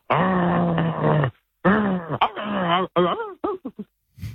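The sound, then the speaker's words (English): A person imitates a growling dog: a long, steady, low vocal growl, then several wavering, pitch-shifting moans, ending in a few short clipped barks. The voice is fairly loud. “It's obviously a dog. Well, yeah, it is. Correct.”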